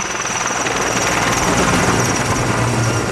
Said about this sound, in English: They have eased slightly, which means helicopters are back in the air, dropping water on the flames.